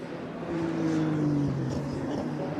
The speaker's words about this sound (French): J'ai l'impression que c'est la voiture du Rinaldi Racing, la numéro 2 de Alvise Rodella.